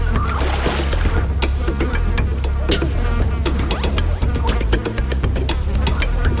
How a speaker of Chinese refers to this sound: 那里聚集着成千上万的苍蝇。